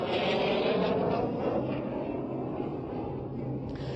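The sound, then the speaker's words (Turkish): A loud, steady roar of a Solo Türk fighter jet performing an air show display at Çiğli 2nd Main Jet Base in hot weather, a broad rushing engine noise that holds strong throughout and eases only slightly toward the end. “Ve işte Türk yıldızlarından sonra Solo Türk de gösterisiyle bunu bir kez daha temsil ediyor.”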